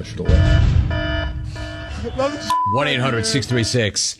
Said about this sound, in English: Anyway, there is your adultery alarm. Now you know that when you hear that, that means there is an update.